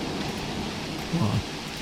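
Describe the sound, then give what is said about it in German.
Steady, dense hiss of heavy rain in a thunderstorm fills the whole stretch, with a low rumble of thunder swelling up briefly near the end. “Boah, da haben sie richtiges Gewitter da oben, oder?”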